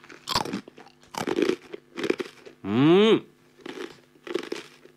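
Loud crunching of a hard, crispy Kameda arare rice cracker (senbei) being eaten, several sharp bursts at irregular intervals, with one brief tonal rising sound partway through; no speech.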